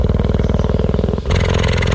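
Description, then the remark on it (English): A female cheetah purrs in a loud, steady, rapidly pulsing low rumble, recorded with a microphone lowered to within about 3 yards of her, the tone shifting partway through as the breath changes direction, with no voices present. “when it got within about, well, 3 yards of this cheetah, I could see her chest rising and falling, but I could also hear she was purring just the same as any cat. Just purring away.”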